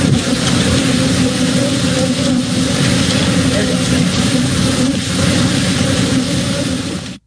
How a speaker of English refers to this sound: and a truck tipped over with over 1 million bees. If you ever wanted to hear what 1 million bees surrounding your house sounds like.